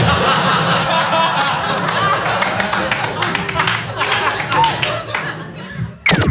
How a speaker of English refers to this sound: Thank you for the reluctant Rudy clap. That's what ends the joke.